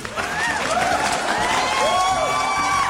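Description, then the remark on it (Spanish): A crowd applause sound effect played by a host to greet people on their name day: dense, steady clapping with cheering and rising, swooping whistles over it, holding at a loud, even level for the whole three seconds with no talking. “Pero yo mientras pongo los aplausos.”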